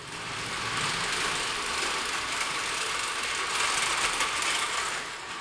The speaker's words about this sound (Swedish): Han trycker på startknappen. Den stora motorn går igång med ett mullrande ljud.